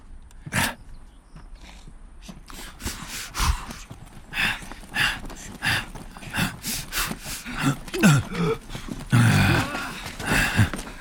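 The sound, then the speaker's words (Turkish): Horse hooves clip-clop steadily on hard ground, a run of sharp knocks with a few louder strikes, joined near the end by a rough snort or grunt from the animal. “Atlara sen bak.”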